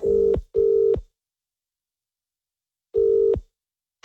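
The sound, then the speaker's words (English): A telephone line tone sounds in a double pulse, two short steady beeps, then a long pause before the pattern starts again, as a call is placed. It is clear, with no voices. “Let's get her on the phone. Call her.”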